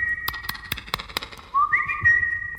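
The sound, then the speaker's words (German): A common (Eurasian) jay, a medium-sized bird at a forest clearing, gives a shrill, fluting whistle that holds steady, then slides upward into a brighter sustained note, with sharp clicks and taps scattered through the first half. It sounds clear. “Und da drang auch wieder dieses penetrante Geflöte an mein Ohr.”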